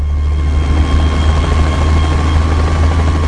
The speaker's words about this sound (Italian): Giorgio VI, la moglie e Margaret lasciano l'aereo. Questione di secondi, il motore si accende, le eliche iniziano a girare, si parte.